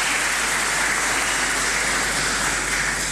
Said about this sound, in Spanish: Así que agradecemos profundamente y le damos un aplauso también a Canal 2, que siempre nos acompaña y estamos, ¿cierto?, llevando la Santa Misa a cada uno de nuestros hermanos.